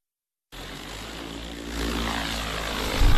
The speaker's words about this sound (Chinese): 在高淳区鸭溪街道永宁村的高标准稻田上空，无人机正平稳飞越翠绿稻苗，将调配好的药液化作细密薄雾，均匀洒落田间。